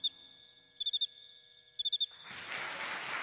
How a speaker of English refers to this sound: The cricket raises his front wings and, with a movement called stridulating, rubs the two wings together. The scraper of one strokes the file of the other, creating a